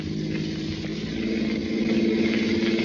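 A car engine hums steadily with a low, throbbing drone, then grows louder and more insistent as it accelerates toward the end, the car speeding up to reach an intersection while following a truck. No one speaks.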